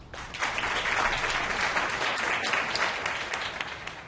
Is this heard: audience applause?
yes